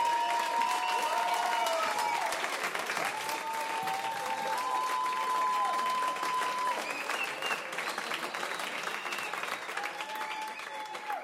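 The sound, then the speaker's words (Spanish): Steady, dense applause from a crowd on the radio station Alternativa 98, holding at an even, fairly loud level for about eleven seconds, with a few sustained voices or cheers rising above the clapping. “aplausos”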